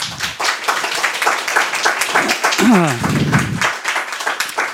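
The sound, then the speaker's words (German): An audience at Radio Maria during the Lange Nacht der Kirche (Long Night of the Church) applauds steadily to welcome a guest, a dense, even wash of many hands clapping throughout, with a voice briefly rising over it midway through. “Ein herzliches Willkommen und einen großen Applaus.”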